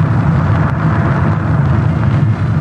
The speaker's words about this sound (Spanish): Poco después volaban en un moderno jet hacia París.